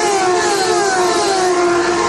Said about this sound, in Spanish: Pasarán frente a la cabina de campeones. Escuchen, aquí está desde el estudio móvil de campeones el sonido, la cercanía de los autos.